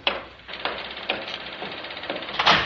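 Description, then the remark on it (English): Someone knocks on a door, roughly half a dozen dull, moderately loud raps spaced about half a second apart, with no voices. “Sorry to keep knocking, but I knew you were here.”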